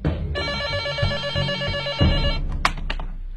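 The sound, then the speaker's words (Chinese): A telephone rings with a bright, steady electronic trill lasting about two seconds, then stops, followed by a few faint clicks and rustles as the receiver is handled: a call from Yueyang coming in to the 803 criminal police unit. “这时，一通岳阳电话给803带来了新的讯息。”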